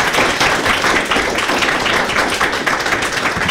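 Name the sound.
audience clapping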